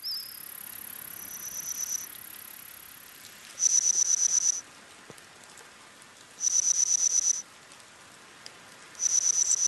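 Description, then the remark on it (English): Reconstructed chirps of ancient insects from a Middle Jurassic forest about 165 million years ago, made by scientists from insect fossils, current insect calls and AI: loud, high-pitched pulsing bursts about a second long repeat every few seconds, with fainter trilling between them over a soft hiss of background noise. “You're listening to the reconstructed chirps and cheeps of some of the ancient insects you might hear in a Jurassic forest.”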